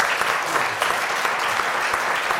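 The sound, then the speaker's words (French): An audience claps steadily, a dense wash of many hands applauding at once, sustained with no pauses and no voices rising above it. “Mais on applaudit Marc, s'il vous plaît.”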